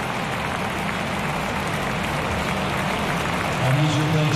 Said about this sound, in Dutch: Het applaus voor de man van Napoli, Billy Gilmore.